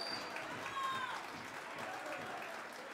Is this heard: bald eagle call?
no